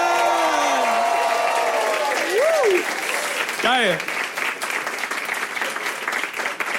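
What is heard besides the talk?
audience applause and cheering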